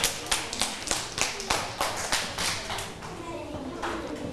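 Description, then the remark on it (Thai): A group of students claps for their classmates after a group presentation in a classroom, a dense, steady patter of many hands lasting several seconds at moderate loudness, with faint murmuring voices underneath. “กลุ่มอื่นมีไหมคะถ้าไม่มีปรบมือให้เพื่อนด้วยค่ะ”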